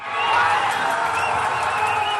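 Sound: fan zone crowd cheering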